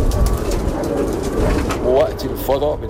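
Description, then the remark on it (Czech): About 200 bred pigeons coo softly in short, throaty bursts, a couple of clear calls coming late, in a rooftop loft atop a 13-metre wooden-beam tower in an old quarter of Cairo, over a steady low outdoor rumble with a faint murmur of voices in the background. “Jedinou mojí zábavou ve volném čase jsou holuby.”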